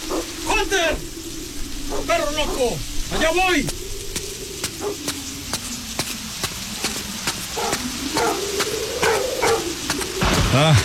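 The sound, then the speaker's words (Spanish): A dog barks at a grave in a cemetery in short, repeated bursts, a few clustered barks rising and falling, over a steady crackling, rustling background with sharp ticks scattered throughout. “¡Ahí estás, Hunter! ¡Ya cállate! ¡Deja de ladrar!”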